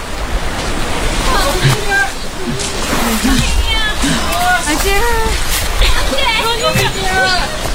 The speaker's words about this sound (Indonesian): Meskipun dilarang petugas patroli, kapal para pengungsi Rohingya tetap merapat ke pantai. Para pengungsi buru-buru turun dari kapal, berloncatan ke air, dan mengharap bantuan warga yang ramai di pantai.